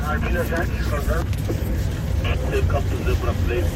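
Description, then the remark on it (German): A steady, low engine rumble of a safari car drones throughout at an even level, with a person talking over it the whole time. “Anders als zum Beispiel der Motorenlärm des Autos oder das Krächzen der Funkgeräte.”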